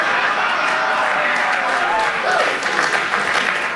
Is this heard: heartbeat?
no